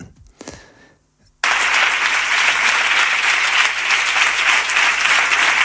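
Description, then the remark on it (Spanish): After a brief quiet moment with faint sounds, loud sustained applause from a large audience at an event bursts in at the end of Javier Aroca's speech and continues steadily, dense and even, with no voices standing out. “Vamos para allá, terminaba en la primera parte Javier Aroca con su intervención a la que se aplaudía con mucha fuerza.”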